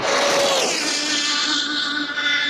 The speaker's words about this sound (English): This is the world's fastest remote control car, achieving a new world record. 256.47. Yeah. You do get a massive rush when you see your car flying past at over 200 miles per hour.